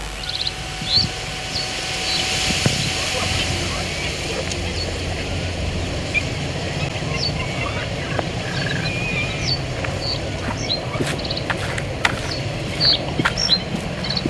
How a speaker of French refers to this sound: En vol d'un héron cendré.